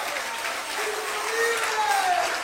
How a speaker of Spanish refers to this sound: Denle un fuerte aplauso a nuestro Padre Celestial, hermano.